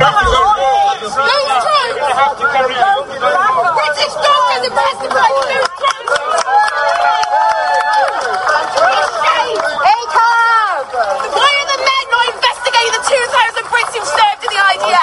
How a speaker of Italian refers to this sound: Decine di persone, inclusa la ragazza che avete sentito urlare qualche secondo fa, sono state arrestate dalla polizia oggi fuori dalla Royal Courts of Justice a Londra.